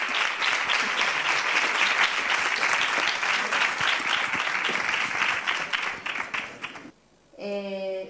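Sustained, dense applause from the audience at the Ateneo de Sevilla during a 7TV Andalucía programme, many hands clapping loudly for about seven seconds before fading, followed by a brief harmonic tone like a voice starting to speak.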